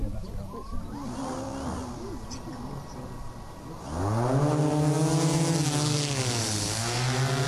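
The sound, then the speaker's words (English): A drone's motors whine up sharply as it lifts off during a demonstration at an agriculture careers day at the University of Melbourne's Dookie campus, a loud buzzing hum with rising harmonics that holds steady, following a quieter stretch of faint background voices. “That's not the sound of a whippersnipper flying. It's a drone demonstration at the Agriculture Careers Day at the University of Melbourne's Dookie campus, where the future careers in agriculture could be launched.”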